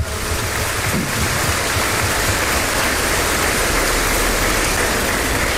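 A crowd applauds to welcome Sister Marina, national director of the Pontifical Mission Societies, and the religious communities present. The clapping is a steady, dense wash that holds at an even, fairly loud level for several seconds, with no voices over it.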